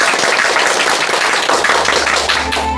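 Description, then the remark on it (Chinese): An audience applauds to welcome a professor who will give a demonstration recitation, a steady, dense wash of many hands clapping at full volume without pause, with a low hum joining near the end. “我们掌声欢迎。”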